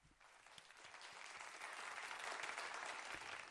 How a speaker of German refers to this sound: Wie sieht denn bei mir ungefähr, einfach nur so fürs Gefühl, ein 3-Punkte-Applaus aus? Wir steigern das Ganze mal auf einen 6-Punkte-Applaus.